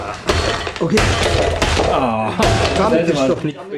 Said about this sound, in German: ich habe spontan beschlossen, mein Handy kaputt zu schlagen.